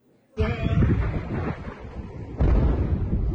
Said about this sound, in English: An intense wave of U.S. strikes hitting a wide range of targets across Iran. East of the country, multiple explosions in Chabahar.